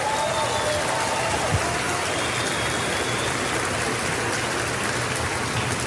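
A large crowd gives a loud round of applause to the Lord, a dense, continuous wash of clapping at a constant loudness for several seconds with no voices standing out.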